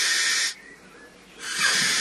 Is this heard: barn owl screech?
yes